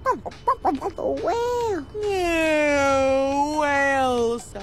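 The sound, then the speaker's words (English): A person imitates a turkey with a quick run of warbling, gobbling syllables, then a long, drawn-out, slightly falling vocal call. Fairly loud, with no other talk. “What does the turkey say?”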